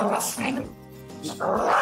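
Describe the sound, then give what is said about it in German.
A dog that cannot stand other dogs growls and gives short barks, a brief, rough outburst with someone talking around it. “Und ein Hund, der seine Artgenossen einfach nicht leiden kann.”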